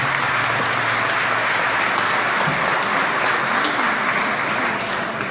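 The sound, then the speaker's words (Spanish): A crowd applauds steadily, a dense, even wash of many hands clapping at once that stays loud throughout, with no voices rising above it. The applause is for Bishop Andrés Napoleón at the national sanctuary in the Dominican Republic on the National Day of Our Lady of Mercedes. “Así que vamos a darle un aplauso a nuestro obispo Andrés Napoleón.”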